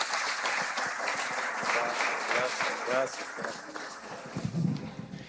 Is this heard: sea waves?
no